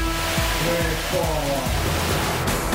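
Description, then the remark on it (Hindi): A steady, loud roar of rushing water from a 22-metre-high waterfall in Bosnia, where cliff divers jump at an international waterfall jumping event, fills the whole clip without pause, with muffled voices or tonal sounds rising and falling on top of it. “Bosnia में रोमांच का तड़का, 22 मीटर ऊंचे झरने से कूदे क्लिफ डाइवर।”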